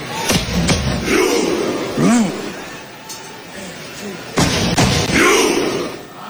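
Norwegian fans in a stadium perform a Viking clap, a variant of the Icelandic one: slow, widely spaced thumping drum beats and loud unison claps, each met by a collective deep shout, over a steady crowd roar.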